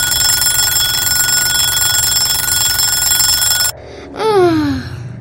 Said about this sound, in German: Jetzt klingelt sein Wecker.